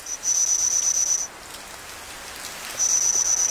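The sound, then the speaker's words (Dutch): A steady, high-pitched insect trill like a cricket's chirring, stopping briefly and then resuming, over a continuous soft hiss of falling rain: a reconstruction of Jurassic cricket and grasshopper calls from about 165 million years ago, produced from fossil remains by English and Chinese scientists. “Op basis van fossiele resten van deze insecten heeft een team Engelse en Chinese wetenschappers deze geluiden weten te produceren.”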